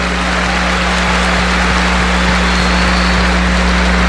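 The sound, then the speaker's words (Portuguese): Steady, dense applause from a large crowd at a vigil, thanking the security, police, firefighter, health, cleaning, sound and light teams, a continuous wash of clapping that holds an even loudness throughout, with a low hum running underneath. “Uma salva de palmas para todos estes.”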